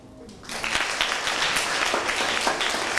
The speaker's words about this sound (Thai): ขอเสียงปรบมือให้เพื่อนด้วยครับ